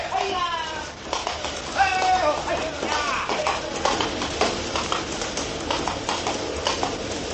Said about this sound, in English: The horses up ahead are galloping.